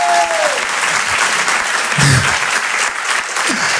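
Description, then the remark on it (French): A crowd claps steadily, a dense, continuous wash of applause that stays loud throughout, with a few brief vocal murmurs or shouts rising faintly from the audience. “Quand ça applaudit, allez tous ensemble, on est une famille ce soir, ok?”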